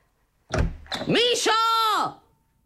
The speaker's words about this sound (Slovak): Netrieskaj tými dvermi.